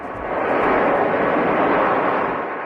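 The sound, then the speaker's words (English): A loud, steady roar of an airplane carrying 17 Americans evacuated from the Canary Islands landing in Omaha early in the morning, its broad engine rumble filling the whole clip with no break and easing off slightly at the end. No voices are heard. “A plane carrying 17 Americans evacuated from the Canary Islands, landing in Omaha early this morning.”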